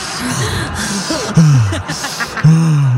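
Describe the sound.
A voice imitates Darth Vader's heavy, labored breathing through a mask, with raspy drawn-out inhales and exhales, two louder strained breaths standing out, fairly loud.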